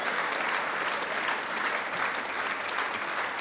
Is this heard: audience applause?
yes